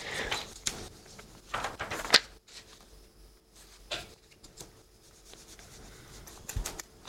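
Crisp rustling of papers as a man searches through his papers, shuffling and handling them in irregular bursts, with brief quiet gaps between the louder crinkles and no voices.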